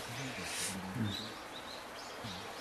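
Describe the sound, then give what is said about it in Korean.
A Eurasian jay, come to eat persimmons, gives a short, harsh screech early on, followed by a few faint, thin chirps, all over a low murmur of voices and background noise. “저희가 방사한 개체를 모니터링하는 그런 토탈 어치가 왔구나. 감 먹으러 왔구나.”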